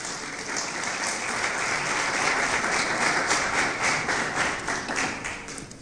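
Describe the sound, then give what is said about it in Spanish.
A church audience applauds steadily for the Lord, a dense wash of many hands clapping at a fairly even loud level for several seconds before tapering slightly at the end. No voices are heard. “Denle un aplauso, por favor, al Señor.”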